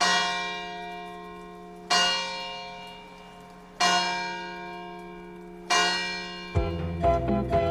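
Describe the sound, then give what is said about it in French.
The church bells of the church of Montvalent, France, ring out in slow, evenly spaced strikes, each tone swelling and lingering before the next, then faster overlapping peals break in near the end. No voices. “C'est sur les cloches de l'église de Montvalent que je vous laisse jusqu'à notre prochain rendez-vous.”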